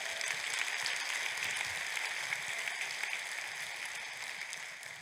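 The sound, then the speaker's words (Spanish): An audience applauds in praise of the Lord in a steady, dense wash of clapping that holds at an even, fairly loud level for the full stretch, with no voices rising above it. “Aplausos al Señor.”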